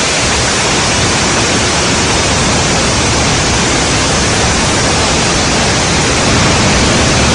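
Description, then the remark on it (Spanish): The famous waterfall at the source of the Río Mundo in Albacete, Spain, gushing from a cave in the rock in a loud, unbroken roar, a dense, even rush of water that holds steady for the whole stretch with no voices over it. “es su famosa cascada, que brota desde una cueva en la roca, especialmente durante el reventón, que llaman, cuando el agua surge con una fuerza descomunal, tras lluvias abundantes como la de este año.”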